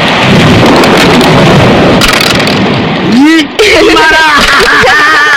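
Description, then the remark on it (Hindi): Heavy rain pours steadily with a deep rumble of thunder, loud, while two people stay home playing carrom; about halfway through voices start speaking over the downpour. “पर आज बारिश के कारण दोनों घर में बैठकर कैरम खेल रहे हैं।”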